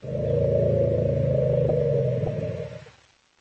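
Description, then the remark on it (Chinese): Elephants roar in a family greeting as family members meet at a gathering: a loud, deep, continuous bellow with a rough, buzzing texture that holds steady for nearly three seconds before fading out. No one speaks. “所有的家庭成员在见面时都会寒暄一番，有时候他们会一边吼叫一边转过身排出尿液或者粪便，那种场面非常有意思，就像这样。”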